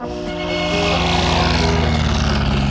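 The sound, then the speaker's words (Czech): An early propeller airplane engine catches and roars up into a loud, steady, throbbing drone, its rumble filling the whole clip with no voices; the engine of a pioneer aircraft starting before the first long-distance flight in the Czech lands, from Pardubice to Prague. “Motor naskočil.”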